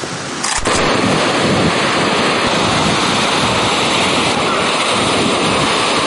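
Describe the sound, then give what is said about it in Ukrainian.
Loud, steady roar of sea surf on a beach, a continuous wash of waves breaking on the shore with some wind buffeting, and no voices. “Та їдуть сюди в першу чергу все ж до моря.”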